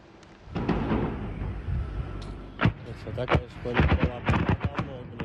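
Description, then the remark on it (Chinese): A series of sharp, heavy explosions bursts out in irregular succession over a rumbling background, growing more frequent toward the end, with voices audible underneath, as several drones strike a large logistics warehouse in Tambov region, western Russia, in the early morning. “目击者拍摄的视频显示，在俄罗斯西部坦波夫州，多架无人机攻向当地一处建筑物，不断传出剧烈爆炸声。”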